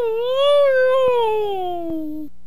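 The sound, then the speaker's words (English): A husky called Husky lets out one long, drawn-out whine that rises slightly, then slowly sinks in pitch. It is steady and fairly loud, with a nasal, tonal quality, before stopping abruptly. “Husky, are you going to be a good dog”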